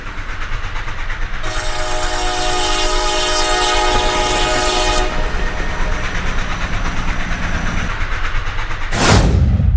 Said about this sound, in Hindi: उस station master ने बताया भी नहीं कि इस वक्त कोई ट्रेन आने वाली है।